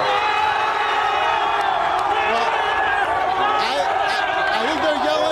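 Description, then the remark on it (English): A dense crowd roars and cheers continuously outdoors at a street celebration of an NBA championship, yelling "NBA champion", with overlapping shouts and whoops rising above a steady wall of voices, loud throughout. “What are they yelling right now?”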